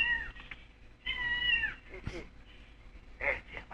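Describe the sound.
A cat meows loudly, two drawn-out wavering cries followed by a shorter, sharper one, with a brief human voice and low background noise in between.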